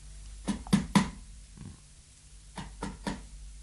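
Two sets of three sharp knocks on the door of a small house at around ten at night, each a quick even rhythm, separated by a short pause with a faint tap between them. No one speaks.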